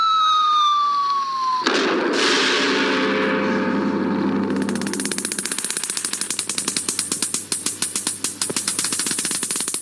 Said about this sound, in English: Another nuclear test explosion. The 169th since Hiroshima.